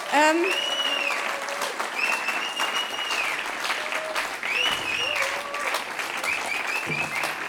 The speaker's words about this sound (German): Bitte begrüßen Sie ihn mit einem Applaus.